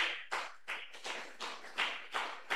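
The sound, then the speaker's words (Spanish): A crowd applauds for Christ Jesus with steady rhythmic clapping, bright sharp claps landing roughly every third of a second in unison, moderately loud with no voices over it. “Contento, contento los aplausos para Cristo Jesús.”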